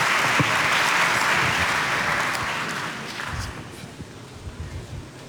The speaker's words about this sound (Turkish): Teknoloji Bakanımız Sayın Mehmet Fatih Kacır'ı, Milli Eğitim Bakanımız Yusuf Tekin'i, Sağlık Bakanımız Sayın Kemal Memişoğlu ve Kore Cumhuriyeti'nin Ankara Büyükelçisi Sayın Suk Jong-Boon'u alkışlarımızla sahneye davet ediyoruz. Buyursunlar lütfen.